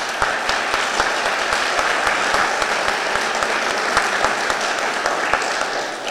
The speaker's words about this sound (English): No more applause. We'll got questions to ask here.